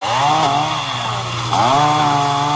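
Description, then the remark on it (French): Chainsaws roar steadily, their engines revving and dipping as residents cut away trees fallen on the road in Florida after Hurricane Isaias, the buzzing drone continuous for a few seconds with no voices. “À coups de tronçonneuses, les habitants dégagent les arbres tombés sur la route.”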